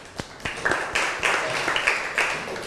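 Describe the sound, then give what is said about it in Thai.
Students in a class clap for the third student group after its chemistry activity, a short run of irregular, crisp hand claps at moderate loudness that keeps an even level, with faint higher-pitched voices mixed in. “ขอเสียงปรบมือให้กับเพื่อนกลุ่มที่3ของเราด้วยนั่นเองนะคะ”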